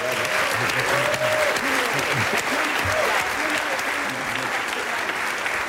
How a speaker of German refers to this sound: Ihr Applaus für Timo Wopp, da ist er hoffentlich.